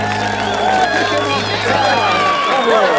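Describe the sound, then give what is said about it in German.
A loud, sustained burst of crowd noise at a Christmas ice-skating event in a palace courtyard as the year's Ice Queen is chosen, many voices cheering and shouting over scattered clapping, filling the whole stretch without a break. “Was für ein Applaus.”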